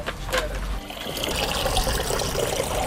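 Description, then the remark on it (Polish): Water gushes steadily from a water tanker into containers, a continuous splashing pour, preceded by a few brief clunks in the first second; residents near Grabówka by Białystok collect water because bacteria were found in the tap water supply. “Do czasu usunięcia problemu mieszkańcy kilku miejscowości muszą korzystać z wody z beczkowozów.”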